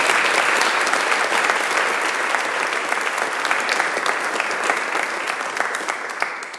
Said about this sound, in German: Ich glaube, da kann man wirklich auch mal einem Menschen Beifall klatschen, bis aus dem Kongo.